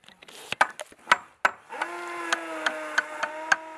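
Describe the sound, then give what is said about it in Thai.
Sharp knocks on wood while assembling a wooden structure, about ten hard taps, scattered at first and then falling into a steadier beat, with a sustained low droning tone running underneath in the second half. “แล้วเวลาเราเคาะเนี่ยมันไม่มีโครงมันแต่ขอนต่อไม้ไปข้าง”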